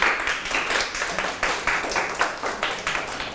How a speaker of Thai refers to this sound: เหลียวเหลียวถูกต้องนะครับวิเคราะห์ได้ดีปรบมือให้เพื่อนครับ